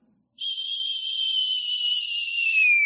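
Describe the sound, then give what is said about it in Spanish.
A person imitates with the voice the gentle whisper from the Bible's account of Elijah, whistling one long, steady, gentle note that holds for over two seconds and dips slightly in pitch at the end, with no other sound around it. “Un silbo apacible, y ahí estaba Dios.”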